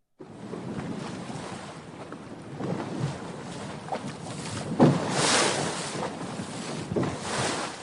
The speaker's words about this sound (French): Chers auditeurs de RCF, vous avez décidé de faire une balade sur une pinasse entre le port d'Arcachon et les passes situées entre la dune du Pilat et le Cap Ferré.